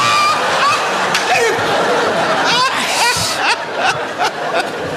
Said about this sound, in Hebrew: אז בוא נשים מים. בשביל מה? מים בשביל קפה.